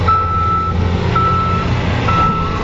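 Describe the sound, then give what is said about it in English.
A truck's reversing alarm beeps steadily, three long tones repeating over a loud, continuous rumble of construction and downtown city traffic east of a mosque, with no voices. “Construction, traffic, and people going about their afternoon became louder than the prayer itself.”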